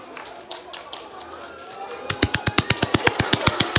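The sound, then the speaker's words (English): After a quiet, hissy stretch with a few faint taps, a rapid, steady run of sharp hand claps begins, about sixteen crisp, loud claps in quick, even succession. “Now I'm going to give you lots of claps now.”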